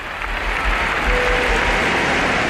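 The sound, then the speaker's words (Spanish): Sustained crowd applause, dense and steady, a broad wash of clapping from many hands at a fairly loud level, no speech, as everyone, Pope Leo XIV among them, applauds at the Sagrada Familia celebration after lights, drones and fireworks. “Aplauden todos.”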